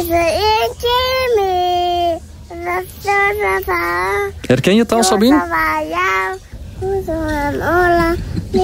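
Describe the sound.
A small child sings a melody in a high, clear voice with sustained, wavering notes, close and fairly loud, and an adult briefly speaks partway through.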